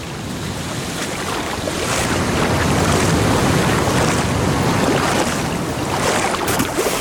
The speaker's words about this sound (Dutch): We keren terug naar zee, waar verslaggever … en bioloog … het water instappen